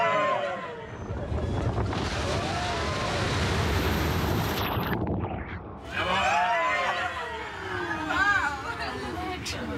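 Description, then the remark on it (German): An amphibious vehicle carrying tourists switches from land to water mode and plunges into the water, heading toward the Billwerder Bucht: a loud, steady rush of splashing and engine noise fills the first half, then excited voices and exclamations rise over the churning water. “Und zack, sind wir ein Schiff. So schnell kann das gehen. Wasser.”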